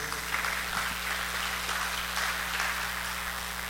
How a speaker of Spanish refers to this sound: ¿Cuántos dan un aplauso al Rey de Reyes?